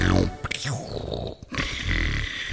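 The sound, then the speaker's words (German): A person imitates their own snoring with loud, raspy, growling snorts, a few rough breaths in an uneven rhythm, low and guttural. “Jeder schnarcht anders, ich schnarche so.”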